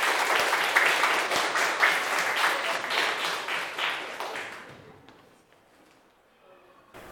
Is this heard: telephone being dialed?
no